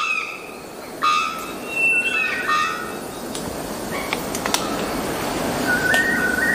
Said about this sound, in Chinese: 雄性肉锤中散鸟发出这种叫声主要是为了吸引潜在伴侣，不过它们也会通过叫声威吓竞争者，捍卫自己的领地。